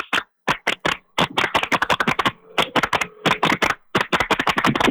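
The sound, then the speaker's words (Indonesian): A scout contingent from the North Sumatra Governor's office claps the Indonesian scout clap (tepuk pramuka) twice at the 12th National Jamboree in Cibubur, 2026: a few sharp claps with pauses, then quick bursts of rapid claps separated by short gaps. Crisp, loud, and with no talking. “Yuk, tepuk pramuka 2 kali.”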